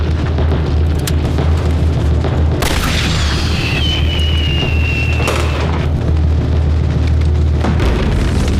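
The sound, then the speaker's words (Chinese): A sharp launch burst cuts through heavy rumbling background noise, followed by a thin, high whistle that streaks for a couple of seconds as a signal flare is fired skyward on a military order. “发射信号弹。”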